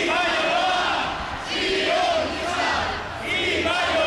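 A protest march in Bilbao shouts slogans in unison against the Basque police (Ertzaintza), the Basque government, the PNV and councillor Zupiria, loud and continuous, with rhythmic surges of massed voices rising and falling roughly every second and a half.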